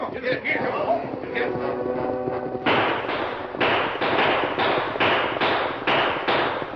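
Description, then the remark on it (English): A rapid volley of sharp, loud gunshots, about eight in quick irregular succession, fired by outlaws riding out of the brush over the heads of wagon travellers and stopping the wagon horses, follows a few seconds of shouting voices and commotion, with a rough noisy rumble underneath throughout. “Tom Bancroft and Joe Boonton were caught unprepared when the outlaws rode out of the brush, shooting over their heads and dragging the wagon horses to a stop.”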